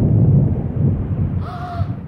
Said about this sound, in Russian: Вот, вот, молния, гром, услышал.